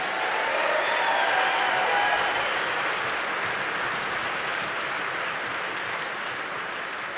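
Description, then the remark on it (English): A large audience at a music awards ceremony claps steadily for the nominees in a category, a dense, sustained wash of applause that holds at full strength for several seconds before easing slightly, with no voices rising above it. “And now before I tell you who this goes to, I just want to say, can we applaud all of the folks in this category?”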